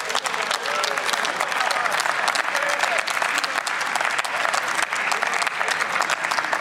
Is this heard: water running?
no